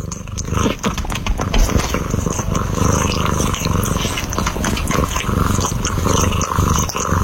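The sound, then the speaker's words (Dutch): A cat grooms itself on a person's lap, a steady low purr running throughout with soft, irregular licking and rustling sounds on top. No one speaks. “Mijn kat Floris is zich aan het wassen op mijn schoot.”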